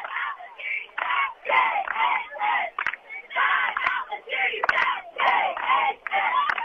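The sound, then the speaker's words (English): Cheerleaders strung across the stands at a football game, during a timeout with the Cougars leading 36-0, shout rhythmic cheers in short, loud bursts, chanting in unison over the crowd's background noise with a few sharp claps or thumps. “If y'all can hear them on the air or not there, but they're getting the crowd going here on this 36-0 lead that the Cougars have.”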